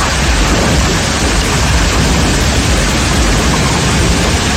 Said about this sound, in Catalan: Així sonava la tempesta que va descarregar i al vespre a les comarques de Tarragona, també a la Cerdanya o les Terres de Ponent.